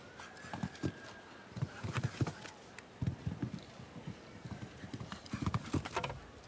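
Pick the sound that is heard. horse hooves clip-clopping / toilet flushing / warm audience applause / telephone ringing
horse hooves clip-clopping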